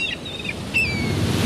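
Two quick bursts of high, wailing seagull cries ring out over a steady roar of surf and wind, with no voices present.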